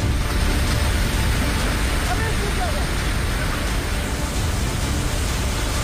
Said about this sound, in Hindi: ये तस्वीरें देखिए, पहाड़ों से आ रहे मलबे को देखकर जेसीबी चालक जेसीबी को पीछे की तरफ लेने की कोशिश करता है, लेकिन सैलाब की रफ्तार को वो मात नहीं दे पाया और जेसीबी पानी की धार में बहने लगी।